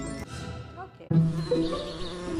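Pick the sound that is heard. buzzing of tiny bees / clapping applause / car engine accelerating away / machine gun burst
buzzing of tiny bees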